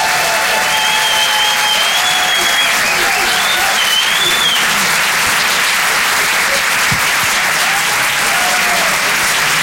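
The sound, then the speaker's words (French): Sustained applause from an audience at a comedy show for a comedian who has just finished his set, a dense steady wash of many hands clapping at a constant loud level for about ten seconds, with faint whistles rising above it. “Merci beaucoup de m'avoir écouté, messieurs, dames.”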